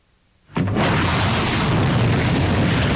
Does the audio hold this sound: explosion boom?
yes